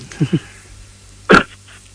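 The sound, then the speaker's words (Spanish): A single sharp sneeze bursts out, preceded by two quick catching breaths, then fades into quiet. “Salud, te vino un estornudo justo.”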